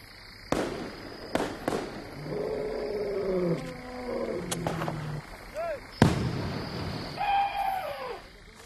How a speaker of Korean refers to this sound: 지금 코끼리들이 들어와서 농작물을 전부 망쳐버리기 전에 최대한 막아보려는 중입니다. 고롱고사 국립공원의 대응팀은 주민들에게 폭죽과 같은 도구를 제공해서 농지에서 코끼리를 몰아내게 돕습니다.